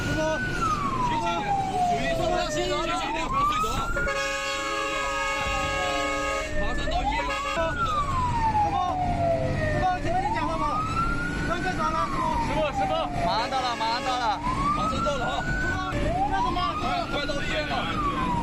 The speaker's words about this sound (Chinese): 众人把伤者抱上消防车，警灯警报全部开启，赶往医院。